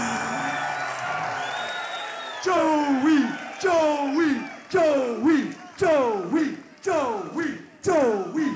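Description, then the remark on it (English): A large crowd at Mile High Stadium roars and cheers as Denver A's reliever Joey Demografico comes out, then breaks into a loud rhythmic chant of his name, about one shout per second, each call dropping in pitch, repeated seven or eight times. “And as he comes out, let's listen to that crowd.”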